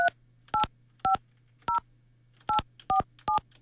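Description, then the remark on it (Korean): A phone keypad being dialed as a radio host phones a listener: seven crisp, short touch-tone beeps tapped out at a slightly uneven pace, each one clear, over a faint steady low hum. “8477번님 8477번님 전화 한번 해볼게요.”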